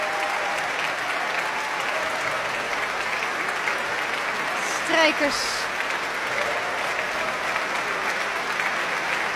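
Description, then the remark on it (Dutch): Sustained, dense applause from a large concert audience for the orchestra musicians, including the double basses, fills the whole stretch, steady and loud, while a man speaks briefly over it. “Contrabassen krijgen applaus.”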